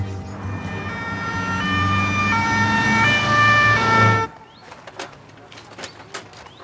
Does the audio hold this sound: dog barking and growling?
no